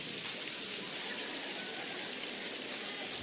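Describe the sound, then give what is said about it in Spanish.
Three fingers clap rapidly against palms in a dense, steady patter that imitates more intense rain, a continuous hiss-like crackle of overlapping taps with no talking. “Tres dedos. Miren cómo es la lluvia más intensa.”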